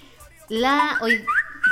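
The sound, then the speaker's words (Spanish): A short, bright melodic WhatsApp message notification tone plays for about a second, its whistle-like tones gliding up and down in pitch before cutting off abruptly. “No, tienes un WhatsApp, me gusta esa patito, esa canción me gusta.”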